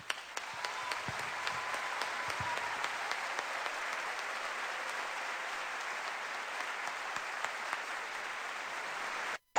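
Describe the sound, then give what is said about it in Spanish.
A crowd applauds the artists on stage steadily for about nine seconds, a dense, even wash of many hands clapping at once with no voices on top, cutting off abruptly at the end. “Y yo les brindo mi aplauso personal.”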